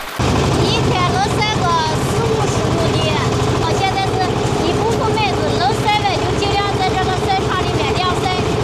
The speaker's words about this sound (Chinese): 自制的翻晒设备正在拖拉机的牵引下来回穿梭，确保小麦能够均匀接受阳光照射。